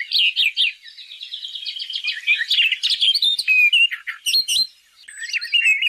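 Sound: birds chirping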